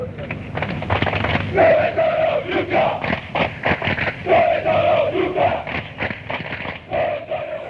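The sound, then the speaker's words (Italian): Football ultras chant loudly in unison at rival supporters, a large crowd bellowing the same short phrase over and over in rhythmic waves, filling the whole recording with dense, roaring voices. “Dove sono l'ultra, questa si grida alla tifoseria avversaria quando loro non si presentano lì, o quando sono in pochi, o quando arrivano tardi, o quando non ci sono davvero.”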